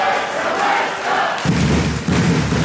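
A dense, roaring crowd of fans cheers loudly and continuously as their team wins the German basketball championship final, with a burst of deeper, booming noise as the celebration swells partway through; no clear speech stands out.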